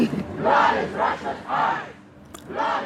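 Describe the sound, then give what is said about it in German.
Femen and Pussy Riot activists chant the slogan "Blut ist Russlands Kunst" ("Blood is Russia's art") in unison at the Venice Biennale, protesting Russia's participation. Their loud voices rise in rhythmic bursts with short pauses between the repeated phrases. “Blut ist Russlands Kunst, das skandieren die Aktivistinnen von Femen und Pussy Riot aus Protest gegen Russlands Teilnahme an der Biennale in Venedig.”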